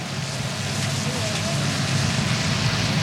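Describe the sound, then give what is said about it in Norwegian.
A steady, loud wash of traffic noise with deep engine rumble as the cars of a royal funeral motorcade roll by at the bottom of Parkveien, turning right toward the palace, holding constant with no clear gaps, and a faint murmur of voices underneath. “Nå står jeg da nederst i Parkveien i en sving som akkurat går ved Hegdehaugsveien, så nå kjører da bilene og kortesjen til høyre mot slottet, hvor de snart da tar inn til slottskapellet, hvor da båren skal stå til gravferdsdagen.”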